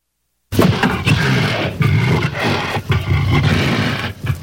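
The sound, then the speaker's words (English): A lion roars loudly, a sustained deep growling roar that swells and breaks into several surges over a few seconds, with no voices present. “Even caged animals can sometimes maim or kill. I'll be back in a moment to talk about another danger far greater than a lion on the loose”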